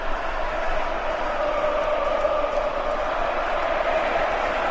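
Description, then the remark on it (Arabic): A dense, steady roar of a packed stadium crowd of Argentine and English football fans at the match stadium in Atlanta, a continuous wash of many voices with no pauses, loud and unbroken throughout. “مرة أخرى الملعب ممتلئ على الآخر من الجماهير الحاضرة الأرجنتينية الإنجليزية أيضا”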